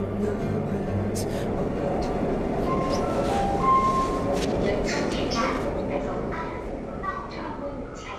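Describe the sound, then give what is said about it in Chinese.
A brief electronic chime tone rings out over the steady, loud rumble of a moving late-night Shanghai Metro Line 10 subway train, with faint murmuring voices in the carriage. “安和被地铁提示音拉回现实。”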